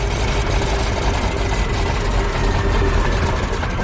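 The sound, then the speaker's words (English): The propeller engine of a D21 aircraft with a variable pitch propeller runs steadily and loudly on the ground throughout, a dense low rumble with a constant droning hum and no voices over it, as the angle of the propeller blades is altered. “The variable pitch prop gave the D21 its lightning fast climb speed. But if it's mishandled, the prop can overload and damage the engine.”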